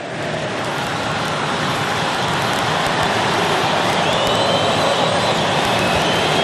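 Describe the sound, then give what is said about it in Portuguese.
Palmeiras fans singing in the Mangueirão stadium, heard in the background as a dense, steady roar of many voices that holds at a constant loud level throughout, with no one speaking over it. “Dá pra gente ouvir de fundo a torcida, Bruno, do Palmeiras cantando.”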